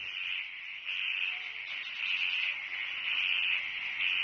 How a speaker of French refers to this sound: Donc là, nous entendons des sons de grenouilles autour d'une mare à Coily Alpha le lendemain d'une pluie. Donc il est à peu près 8 heures du matin.